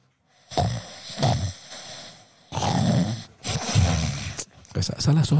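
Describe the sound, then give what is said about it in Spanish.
Loud, rasping snores from young women who have fallen asleep in the booth come in a series of about five harsh, rumbling bursts, some short and some drawn out, separated by brief pauses. “Escuche los ronquidos.”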